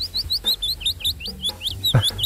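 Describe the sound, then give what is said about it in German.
A willow warbler sings a rapid series of sweet, high whistled notes that tumble downward, clear, with no talking and only a faint low rumble underneath. “Der Fitis-Laubsänger.”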